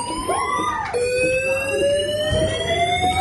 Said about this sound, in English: Uh-oh. Fire alarm. Fire alarm. Which didn't stop for 30 minutes. Oh my god. Someone had set off the restaurant fire alarm so everyone could hear this non-stop.